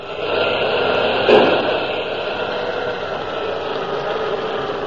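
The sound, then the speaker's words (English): A submarine's engine runs full speed astern, turning a fouled propeller: a steady, continuous drone with a dense mechanical hum and whine, plus a single brief knock or clank about a second in. No voices are heard. “The engine room reports the propeller's still fouled, sir. It turns, but as if something was holding it back.”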